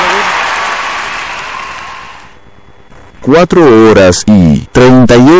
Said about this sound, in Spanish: aplaude. Gracias.